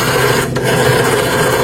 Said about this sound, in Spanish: Cuando lo están marcando, el teléfono antiguo, cuando marcas, oh. Así que le girabas la perilla.